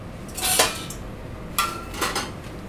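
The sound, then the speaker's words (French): A few metallic clanks and scrapes of a lid being handled on a sauté pan during cooking, one hit ringing briefly, moderately loud over a quiet background with no talking. “faudra un couvercle pour le sautoir, s'il te plaît”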